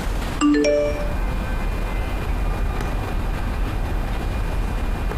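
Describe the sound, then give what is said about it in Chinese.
A phone rings with a quick, bright electronic chime of a few rising tones, a call from the father that goes unanswered, then fades into a steady low background hum with no one speaking. “你别以为你不接电话就没事了，你等着的。”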